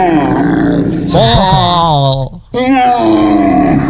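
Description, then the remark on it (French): A roe deer calls loudly, drawn-out hoarse cries with a wavering, groaning pitch, two long calls separated by a brief pause. “Un chevreuil. Oui, un chevreuil qui crie comme ça.”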